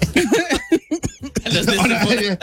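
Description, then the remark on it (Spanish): Several short, sharp coughs from a person who still has a cough burst out, mixed with voiced, laugh-like sounds and brief vocalizing, in an uneven rhythm. “Todavía tengo tos, ¿eh?”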